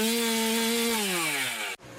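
A chainsaw runs at steady high revs, its buzzing engine tone sagging slightly in pitch before cutting off abruptly near the end, replaced by a brief burst of noise.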